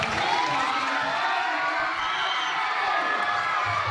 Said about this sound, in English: I know how excited you guys have been all week, so please join me one more time in giving a big round of applause.